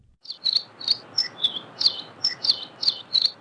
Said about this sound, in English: we have the song of the Nihoa finch, which are endemic to Nihoa Island in the Northwest Hawaiian Islands and found nowhere else in the world.